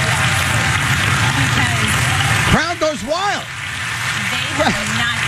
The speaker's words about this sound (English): Crowd goes wild.